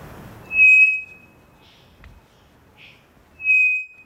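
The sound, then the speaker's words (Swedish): Two loud, straight whistles of a three-wattled bellbird, each a steady half-second note with unchanging pitch, spaced about three seconds apart, with faint softer calls in the quiet gap. “Det vi hör här, det är en treflikig klockfågel som jag tror sitter i Amazonas.”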